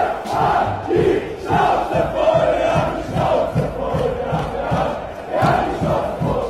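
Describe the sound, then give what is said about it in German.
A large crowd at a big street demonstration chants in loud, rhythmic unison, voices swelling together in repeated beats with a steady roar of many people underneath. “Unter ein Video von einer großen Demo und tun so, als wären das AfD-Demos.”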